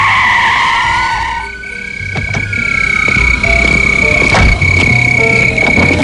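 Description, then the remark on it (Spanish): A speeding car, followed at night by a police patrol car, is made to stop on the road shoulder: its engine roars as its tires let out a long, loud screech, the squealing pitch sliding downward while the engine rumbles underneath, with a few sharp rattles near the end. “El patrullero seguía esa noche a un coche que circulaba a gran velocidad y le hizo parar en el arcén.”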